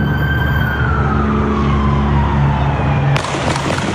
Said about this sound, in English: an agent came up on the passenger side and shot through the window.